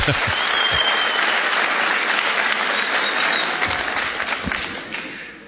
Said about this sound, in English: Why are they clapping? What did you say?